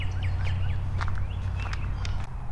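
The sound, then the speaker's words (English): Several short, chirpy bird calls ring out in a forest over a steady low outdoor rumble, scattered and fairly faint, with no one speaking. “Lots of birds doing birdie stuff out here today.”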